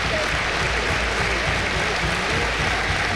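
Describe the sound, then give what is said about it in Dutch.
A large football crowd stands and applauds during a match, apparently in tribute to a deceased Go Ahead Eagles supporter; a dense, continuous wash of clapping that stays loud and even throughout, with no pauses and no clear voices rising above it. “Als de mensen nu gaan staan en gaan klappen.”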